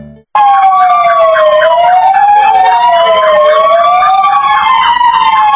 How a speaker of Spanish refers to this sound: Haciendo sonar las sirenas, el Parque de Bomberos de Melilla ha secundado la concentración convocada por el Cuerpo de Bomberos de Ceuta en todo el país, en defensa de los servicios de primera línea